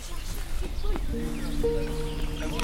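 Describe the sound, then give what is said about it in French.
Geese call from where they have landed behind the trees on an island opposite, a few short honks followed by sustained, overlapping honking cries over a low outdoor rumble. “Ah elles sont là les oies. Elles sont en face.”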